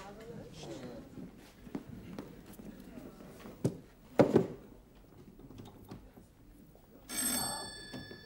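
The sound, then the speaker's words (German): A doorbell rings once near the end, a bright buzzing tone lasting about a second, after a stretch of muffled voices, scattered clicks and a short loud rattle of the door. “Bitte klingeln Sie da.”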